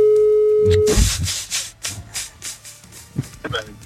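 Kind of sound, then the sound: signal or alarm, telephone number being dialed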